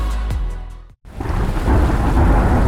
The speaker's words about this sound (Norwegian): Ja, der kom regn igjen.